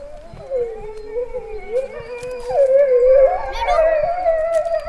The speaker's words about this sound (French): Le loup. Ça fait ça le loup.